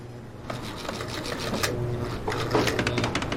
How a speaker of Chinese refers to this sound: 您要有时间呀，您先管管这咖啡机，不修理他，他老以为自己是直升机，动不动就要起飞。